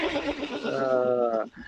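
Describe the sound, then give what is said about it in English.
A person imitates a horse's whinny, a loud, wavering, quavering neigh lasting about a second and a half before breaking off abruptly. “quick quiz question, horse or human?”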